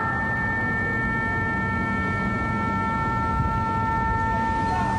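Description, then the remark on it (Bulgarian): An air raid siren in Bahrain, activated during Iranian attacks on American bases, sounds a steady, sustained wailing tone throughout over a constant low rumble of outdoor background noise. “В Бахрейн са били активирани сирените за въздушна тревога.”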